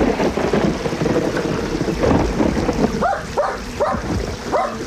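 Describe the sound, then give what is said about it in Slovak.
A small dog by a stream barks four or five times in a quick, steady series toward the end, moderately loud, over a continuous rushing background like heavy rain with low rumbling. “Psíče! Havo, havino! No preskoč potok!”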